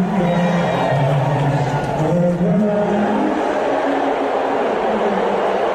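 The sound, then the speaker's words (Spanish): A large stadium crowd in New York boos Donald Trump as he is shown on the screens during the US national anthem, a dense wall of low, drawn-out jeering voices that stays at full volume throughout without pause. “Parece un abucheo, ¿no? Son unos abucheos tremendos.”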